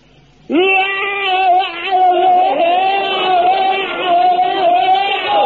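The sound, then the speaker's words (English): A man lets out one long, loud battle scream, a bayonet-charge yell demonstrated during bayonet drill, filling his lungs and letting it out; it starts abruptly and is held for about five seconds, its high, strained pitch wavering slightly throughout. “Now, the scream is the thing that really puts the wind up the enemy. Now, you fill your lungs up to the air and let it out like this.”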